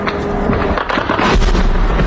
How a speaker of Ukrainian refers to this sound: В день мешканці Криму долають труднощі життя без електрики, води, зв'язку і пального, а вночі здригаються від гучних вибухів.